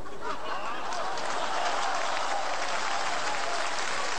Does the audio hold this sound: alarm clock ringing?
no